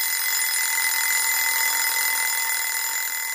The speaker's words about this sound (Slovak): Na druhý deň ráno Stankinmu ockovi zazvonil budík.